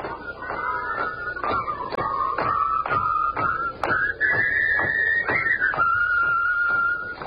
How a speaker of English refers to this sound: All I'm doing is whistling and marching.